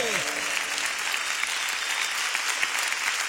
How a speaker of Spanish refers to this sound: Él se merece tu mejor aplauso. ¡Apláudele!